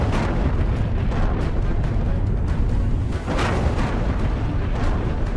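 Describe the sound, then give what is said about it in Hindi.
Explosions from Iranian missiles and drones attacking Kuwait, with Kuwait's air defense system intercepting them, produce a loud, continuous rumbling roar, deep and heavy with crackling noise on top, briefly dipping before another surge of blast energy. No one speaks. “Kuwait में तेज धमाकों की आवाजें सुनी गईं।”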